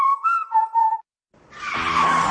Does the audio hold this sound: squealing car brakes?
yes